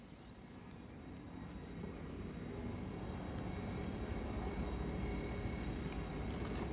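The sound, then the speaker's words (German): A steady, rumbling low roar of heavy rail traffic builds gradually and holds as trains pull into the railway station in Basel, Switzerland, shortly before 11 o'clock, all arriving at about the same time, with faint high metallic squeals threaded through the broad noise. “Es ist kurz vor 11, das heißt, hier in Basel fahren jetzt gleich die Züge ein.”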